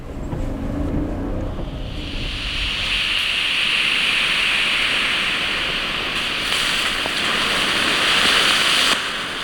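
Smoke bombs, just lit for a staged forest-fire exercise in a clearing by the Burbach, hiss loudly and steadily, a dense, rushing spray of noise that swells up after a second and holds without a break to the end, with a low rumble underneath.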